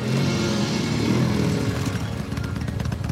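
A motorcycle engine rumbles steadily and loudly, its low throbbing growl filling the scene as it draws near, with no voices present.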